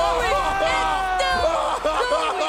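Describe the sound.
A match crowd cheers in a dense, continuous roar of many voices, loud and steady throughout, with an excited voice shouting over the din.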